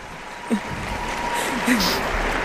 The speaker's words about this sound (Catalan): Aquests aplaudiments ja sabem interpretar que és un recolzament de la gent als mestres.